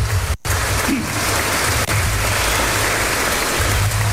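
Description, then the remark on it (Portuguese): A crowd applauds the church's servers, dense overlapping clapping that holds at an even, fairly loud level for about four seconds, with a brief dropout near the start. “Un fuerte aplauso para todos esos servidores de la iglesia.”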